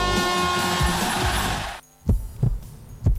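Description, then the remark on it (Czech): An Audi car engine runs with a dense, steady hum, then cuts out abruptly and gives way to a slow, rhythmic series of deep thumps, like a heartbeat, fairly loud. “Slyšíte? To je dokonalost. Udržte své Audi v kondici.”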